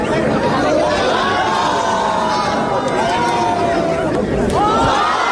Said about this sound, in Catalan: Qui rep més aplaudiments i crits és el guanyador